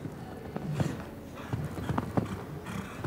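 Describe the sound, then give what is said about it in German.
A horse galloping toward the final jump of a show-jumping course, heavy thudding hoofbeats landing in an uneven, rolling rhythm over a steady low background rumble, with no talking. “Nochmal galoppieren, trotzdem das Pferd auf den Beinen behalten zum Schlusssprung, wie im Normalparcours.”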